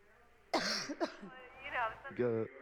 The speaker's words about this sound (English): Yeah, she's got a bad cough.